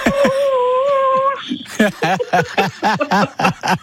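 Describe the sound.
A woman imitates a wolf howl with a single steady, slightly wavering high-pitched note lasting over a second. A quick run of choppy vocal bursts, laughter or excited chatter, follows.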